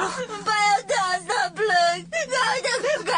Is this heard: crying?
yes